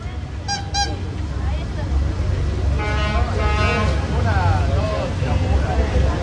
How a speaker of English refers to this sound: Or maybe you're in a city and it's a busy one, like this plaza in Cozumel.